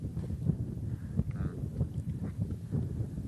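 Wind blows steadily outdoors at a spot with a view of mountains, a low, gusty rumble buffeting the microphone throughout with small surges, and no one speaking.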